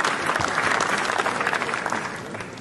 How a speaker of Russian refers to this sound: Фильм был встречен 10-минутной овацией